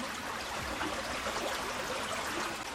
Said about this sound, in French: Plus loin, il arrive à un ruisseau.